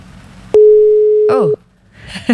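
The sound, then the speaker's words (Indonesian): A telephone busy tone on a failed call to the radio call-in show Kondang Kontak Dangdut, where the network is struggling to connect: one loud, steady electronic beep lasting about a second, followed by brief faint chirpy noises on the line. “Oh, telepon ya. Oke, okay. Silakan ya di bisa dicoba lagi ya”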